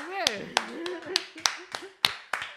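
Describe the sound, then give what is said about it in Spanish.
Timid, scattered hand clapping: about eight sharp, uneven claps spread over a couple of seconds, fairly quiet, with people talking and laughing underneath. “Madre, qué aplausos más tímidos.”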